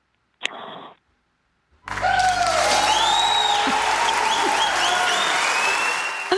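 A short burst of noise, a brief pause, then sustained loud applause from a crowd, with whistles and cheering voices rising over the steady clapping until the end.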